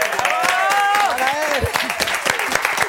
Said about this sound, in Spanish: ¡Un aplauso!